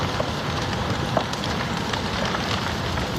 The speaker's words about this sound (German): Knisternde Flammen, die vom Wind immer weiter angetrieben werden. So klang es vor einer Woche in einer Wohnsiedlung in der Stadt Drammen nahe Oslo.